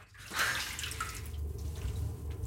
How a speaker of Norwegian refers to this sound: Så vi legger rapporten i vasken og heller varmt vann over papirene.